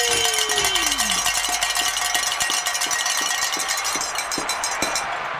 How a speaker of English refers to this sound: He's pointing at a bell, which usually means go ahead and ring that bell.